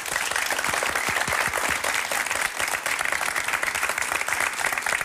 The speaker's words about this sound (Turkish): Bir alkış alalım mı?